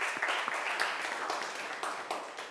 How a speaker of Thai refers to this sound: นักเรียนคะครูขอเสียงปรบมือให้เจ้าของคลิปสาระดีน่ารู้ในวันนี้หน่อยค่ะ